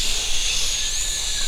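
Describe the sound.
A voice imitates wind blowing in a forest with a steady, breathy hiss, a continuous airy "shhh" held at even loudness for about a second and a half without a break.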